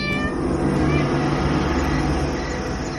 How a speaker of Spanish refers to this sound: Y no hay un gato que pierda la oportunidad de enamorar a su gata a la luz de semejante linterna.